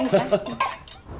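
Several glasses clink together in quick succession, bright ringing taps overlapping with light clatter, a brief toast to the culture of new China with no one speaking.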